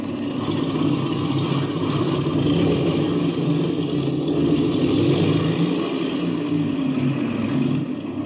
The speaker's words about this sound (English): I'll run up the engine to be sure it's turning over okay.